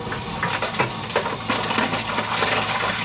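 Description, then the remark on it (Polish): A reverse vending machine standing by waste containers in Gocław takes in a bottle, its motor whirring steadily while brief clicks and rattles cut through the mechanical hum. “Wrzuć opakowanie. No dobrze, wrzucam.”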